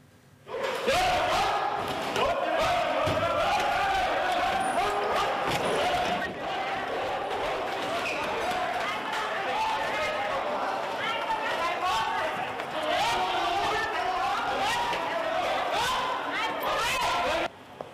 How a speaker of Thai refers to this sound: โอ้โหนี่เรียกว่าวิ่งกันแบบแตกกระเจิงเลยนะคะหลังจากเจ้าหน้าที่กรมการปกครองเปิดปฏิบัติการปราบเซียนนครพิงค์เข้าไปตรวจค้นบ่อนการพนัน2แห่งพร้อมกันค่ะ